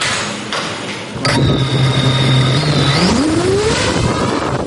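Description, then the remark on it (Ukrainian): A small FPV strike drone's electric motors spin up abruptly into a loud, steady buzzing whine, holding pitch for a couple of seconds before climbing sharply higher as it lifts off to race a special course at a competition among drone crews of the Omega Special Purpose Center, over background noise. “FPV-дрон здіймається в небо та вирушає на місію.”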